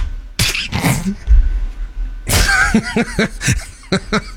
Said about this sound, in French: Écoute, ça, vous savez que vous pouvez pas vous retenir, hein? Vous pouvez pas garder les yeux ouverts quand on éternue, c'est hein?